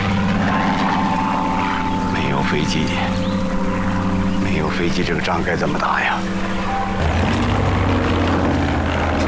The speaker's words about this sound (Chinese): 这飞机绕来绕去的，我总觉得不太对劲儿，心里直发慌啊！